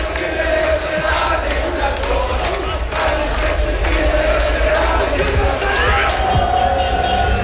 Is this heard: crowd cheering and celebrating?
yes